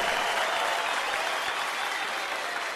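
A standing ovation of dense, sustained applause from a large crowd, loud and steady throughout with no pauses, many hands clapping at once in a continuous roar.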